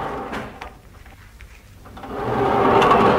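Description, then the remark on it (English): A lift door slides open on the sixth floor, opened from the other side: a few faint clicks and knocks give way to a rising mechanical rumble that swells and holds, with no voices. “The door was opened from the other side”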